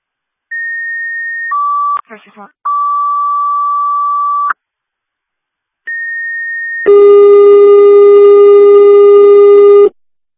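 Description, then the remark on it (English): Fire dispatch radio paging alert tones, set off by accident by the dispatcher: a high steady tone stepping down to a lower one, a brief garbled burst, then the sequence repeats and gives way to a loud, buzzy sustained alarm tone. “I struck your tones on accident.”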